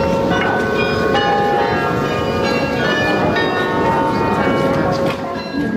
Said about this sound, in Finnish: Matkan varrella ohitimme kauniin Grootekerkin kirkon, jonka kellot ovat kutsuneet ihmisiä Jumalan kasvojen eteen jo vuosisatojen ajan.